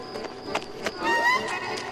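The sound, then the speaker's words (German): Quick, evenly spaced footsteps of two people tap along a hard street at a brisk walking pace, with a faint squeak partway through and no voices. “Er darf unsere Schritte nicht hören.”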